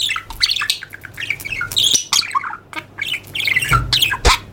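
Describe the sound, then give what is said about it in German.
A budgerigar squawks and chirps continuously in rapid, scratchy bursts, fairly loud, with a few sharper clicks; no one speaks. “Also ähnlich, wie sich viele einen Wellensittich vorstellen.”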